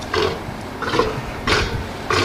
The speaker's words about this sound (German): Ein patagonischer Seelöwe, eine Mähnenrobbe. Die Robben mit der Löwenmähne, ja, da hätten wir drauf kommen können tatsächlich. Die machen ja putzige Geräusche hier.